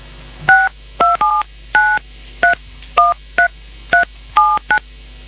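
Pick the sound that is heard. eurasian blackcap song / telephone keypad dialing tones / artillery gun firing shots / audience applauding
telephone keypad dialing tones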